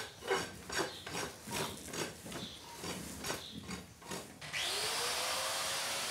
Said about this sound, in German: Pediküre mit der Flex. Schneller geht's wirklich nicht.